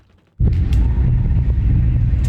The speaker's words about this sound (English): From our shelter in central Kyiv, we could feel the building shake and hear loud bangs as several strikes made impact. The buzz of drones could also be heard, as well as the sound of Ukraine's air defense systems.